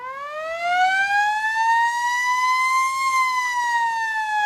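A village fire alarm siren calling out the fire brigade wails in one long, loud, unbroken tone, its pitch climbing slowly and then easing slightly downward, bright and reedy with many overtones. No one speaks.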